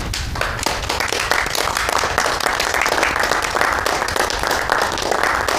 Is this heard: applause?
yes